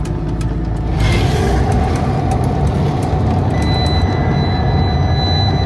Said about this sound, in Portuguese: Entramos de carro na praia de Albarquel, na Arrábida. O acesso é limitado, só trabalhadores, transportes autorizados e serviços podem aqui circular.